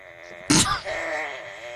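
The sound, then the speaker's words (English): A squeaky, fart-like noise from Buttface Chester Cheeks, a kids toy shaped like a bottom with eyeballs wearing underwear: a sudden bright burst, then a drawn-out, reedy, wavering tone that keeps going steadily to the end, somewhere between a toot and a slowly creaking door. “I can't tell if it sounds like a toot or this like someone opening a door very slowly.”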